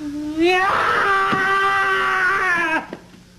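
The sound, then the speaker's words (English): A bird lets out one long, loud, angry scream that rises sharply, then holds a harsh, steady, piercing pitch for about two seconds before breaking off abruptly. “You are about to hear the loudest, angriest bird you have ever heard.”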